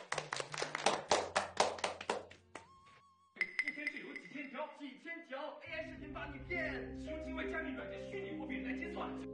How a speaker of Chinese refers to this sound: 掌声。